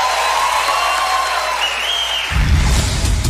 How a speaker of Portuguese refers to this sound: Obrigada, muito obrigada. Mais aplausos.